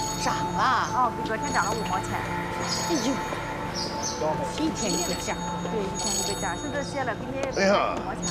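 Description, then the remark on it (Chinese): A mobile phone plays a bright, repeating electronic ringtone melody that keeps ringing steadily throughout, with a busy murmur of voices underneath. “您还是头一次给我打电话呢，怎么了？”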